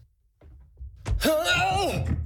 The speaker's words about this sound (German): Entschuldige, ich hab den Karton hier übersehen und bin gestolpert.